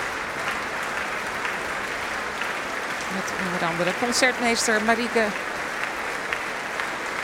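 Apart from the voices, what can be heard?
concert audience applause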